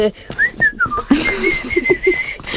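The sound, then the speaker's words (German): A person whistles imitations of forest birds to create forest atmosphere, first a few rising and falling chirps, then a steady high trill with soft cooing notes beneath, fairly loud, no talking. “Ich glaube, wir brauchen ein bisschen Waldatmo. Ich mache mal ein paar Vögel.”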